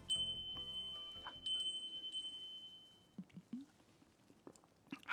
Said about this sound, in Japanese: おいしい、涼やかな、はい、もう一回聞こえますね、風鈴の音色ね。ちょっと一瞬でしたけども、少しでも涼しい気持ちになっていただけたらなと思います。